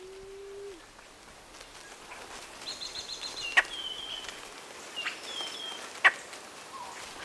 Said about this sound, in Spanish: Canta o cuchichea la paloma perdiz cubana. Nombre científico, Starnoenas cianocéfala. Es una paloma sorprendente. Su cabeza azulada, el pecho rojizo, las líneas blancas y negras de la cara y sus patas largas le dan un aspecto exótico,